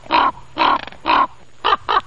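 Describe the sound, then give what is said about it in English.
A raven gives five hollow, quirking calls, three drawn-out ones followed by two quicker, clipped notes, fairly loud with no other sounds around them. “Ravens, they make those wonderful hollow kind of quirking sounds.”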